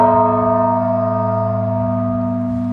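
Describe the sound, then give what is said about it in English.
The large bell of Holy Trinity church rings out with a single deep stroke in the Blagovest, a slow tolling about once a minute, its rich, layered hum lingering and slowly fading, loud with no other sounds. “So basically, that's just going to be a slow tolling of the large bell, probably once a minute.”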